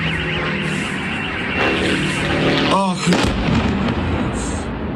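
A steady, droning engine buzz from Ukrainian attack drones passes over a Lukoil oil refinery in Perm amid loud rumbling noise, with a sharp sweeping whine near the middle and faint voices in the background.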